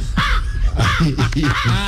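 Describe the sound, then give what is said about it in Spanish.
A person's voice imitates a crow, giving several harsh, nasal caws in quick succession, fairly loud, with strained vocal harmonics. “A ver, por ejemplo, ¿cómo hace el cuervo? Así.”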